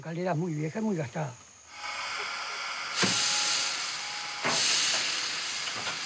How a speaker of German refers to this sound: Das hier muss gut geölt sein, denn wenn der 12 Bar anzeigt, ich hab's mir markiert, dann muss der Dampf raus